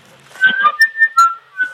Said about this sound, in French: comme ça, vivante, et on entend la mouette qui laisse des barres et crie, enfin c'est horrible. Je sais pas si vous entendez les cris de la mouette, non?